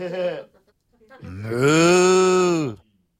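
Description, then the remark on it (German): A short vocal note, then a long, drawn-out low moo that swells and holds for over a second, loud, most likely a person imitating a cow. “Kann auch eine Kuh sein, Buh.”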